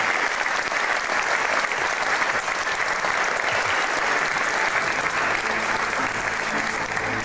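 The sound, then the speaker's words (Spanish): Sustained applause from a large audience at the head of Toledo Cathedral in Toledo, a dense steady wash of clapping that fills the space evenly for several seconds with a slightly reverberant quality. “Quería dar las gracias también a todos los amigos de Toledo que han venido a la realización de este programa, a quien les pido un fuerte aplauso aquí en la cabecera de la propia Catedral de Toledo.”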